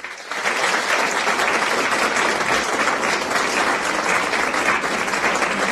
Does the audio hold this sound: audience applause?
yes